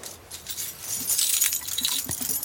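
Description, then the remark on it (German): A bunch of keys to every apartment in a building jangles and clinks, a bright metallic rattle that swells and keeps shaking for a couple of seconds, with a few sharper chinks near the end. “Sehen Sie, Frau Geißler, ich habe alle Schlüssel zu jeder Wohnung”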